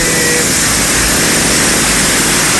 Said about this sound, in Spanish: Estamos en una calle que esto yo, por lo menos, en los años que tengo por acá, no lo había vivido nunca, que se viera en calle Vicuña Maquena de esta forma, corriendo como río.